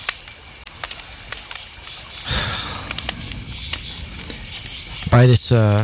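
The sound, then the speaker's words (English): A campfire crackles steadily with scattered sharp pops and snaps over a soft hiss, and a brief voiced sound rises near the end. “By this campfire, it just feels like it's worlds away.”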